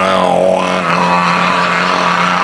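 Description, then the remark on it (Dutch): A slow dental drill runs continuously with a loud, buzzing motor whine, its pitch dipping briefly early on before settling back into a steady grinding drone. “En de langzame boor, ken je die al?”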